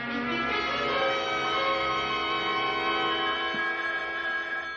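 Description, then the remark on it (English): A telephone rings late at night with a steady, bright metallic bell tone that sustains without a break for about five seconds, rich in shimmering overtones, with no voices. “Can't you hear the phone?”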